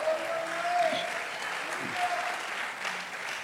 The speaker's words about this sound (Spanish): Por eso dele un aplauso fuerte al Señor, hermano.